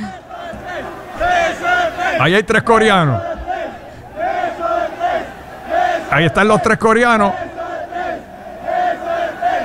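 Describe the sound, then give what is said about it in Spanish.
A large crowd of Mexican fans chants and roars together in rhythmic bursts, shouting "beso de tres" at three Koreans at a sponsor booth in Mexico, swelling loudly twice, with a man's voice speaking over the noisy stadium-like din. “Y los mexicanos, no sé por qué, empezaron a gritarle beso de tres.”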